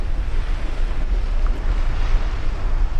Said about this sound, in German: An der südlichsten Spitze Amerikas, im äußersten Süden von Argentinien, auf der Insel Feuerland, wo der Wind über den Atlantik an die Küste peitscht